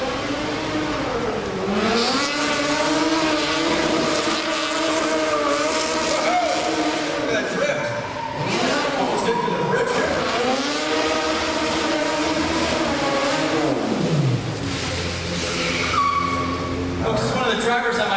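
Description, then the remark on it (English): A modified pursuit car drives down camera alley, its engine revving loudly, pitch climbing and falling in repeated surges, then winding down to a low, rumbling idle near the end. “So let me get a pursuit car down camera alley, please.”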